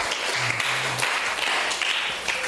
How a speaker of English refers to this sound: A round of applause